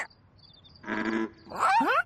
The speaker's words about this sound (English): Wait, Elmo thinks he hears another frog. There it is! Listen, the froggies are croaking back and forth. Oh, maybe because they're communicating!